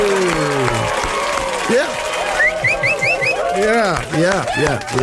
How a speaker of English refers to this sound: Actually, now that I've whistled on the radio, I did that whistle myself.